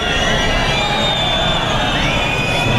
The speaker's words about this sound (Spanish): Abucheos al ministro del Interior, Fernando Grande Marlaska, en su primer acto con la Guardia Civil tras la muerte de 2 agentes que luchaban contra el narcotráfico en Huelva.